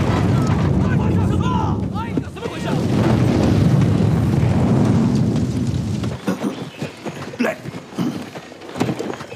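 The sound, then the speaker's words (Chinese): A loud explosion gives way to a sustained, deep rumbling roar for several seconds, then abruptly drops to scattered crackles and thuds. “会有爆炸声。”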